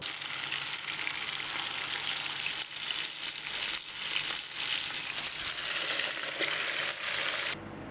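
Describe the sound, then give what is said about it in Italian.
Fish heads sizzle in a soffritto in a kitchen near a lake, the start of sbroscia, a local fish soup: a steady bright crackling hiss with gentle swells and faint stirring for about eight seconds before it cuts off abruptly. No one speaks. “Si inizia con un soffritto nel quale si insaporiranno le teste, un po' di pomodoro e dell'acqua per creare un fumetto.”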